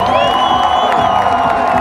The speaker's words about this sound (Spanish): fuerte el aplauso para ….